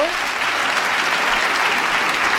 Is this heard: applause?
yes